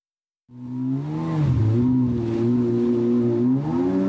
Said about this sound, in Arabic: النسخة الأحدث من الباراكودا، قارب مسير أوكراني الابتكار والصنع. تقول أوكرانيا إنه وأمثاله شكلوا رادعا قويا ضد الهجمات الروسية في البحر الأسود.